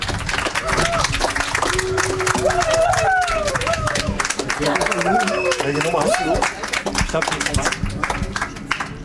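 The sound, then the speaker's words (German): An audience applauds steadily for several seconds, the dense clapping loud, with voices calling out and talking over it, welcoming a musician guest who has brought live music to the Kiosk. “Applaus”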